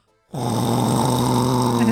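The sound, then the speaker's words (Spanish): After a brief pause, a voice imitates a loud snore: one long, sustained, rattling, throaty drone held until the end. “Pero unos ronquidazos que le digo”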